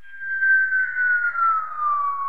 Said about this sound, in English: This is the sound you collected from a helicopter.